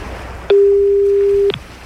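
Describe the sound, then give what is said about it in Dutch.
A single one-second burst of a steady, mid-pitched telephone ringing tone heard over the line while calling a game participant's mobile number, starting abruptly and stopping just as sharply, with quiet line hiss around it. “En als Hans Jansen dan de telefoon opneemt.”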